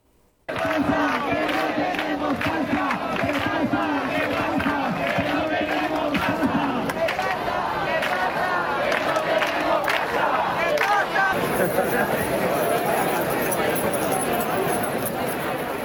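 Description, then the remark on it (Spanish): A street crowd of housing protesters in Murcia, Spain chants loudly and steadily while many keys jangle together in a constant bright metallic shimmer; the chanting is rhythmic at first, then blurs into a continuous roar of voices. “Inevitablemente, el sonido de las llaves y de las reivindicaciones de los manifestantes ayer en las calles de Murcia en la lucha por la vivienda.”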